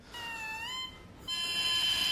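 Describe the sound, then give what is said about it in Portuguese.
A bare double reed of two bamboo blades, chamfered and tied together, blown alone gives a thin, buzzy, nasal squeal in two sustained bursts with a short gap between, the second slightly higher and brighter, fairly loud, with no voices. “Mas para produzir o som, tem essa parte de cima que são duas palhetas, duas coisas, bambu, que ele é chanfrado, é trabalhado, colocado, amarrado assim, e faz um som muito característico, os dois quando soprados.”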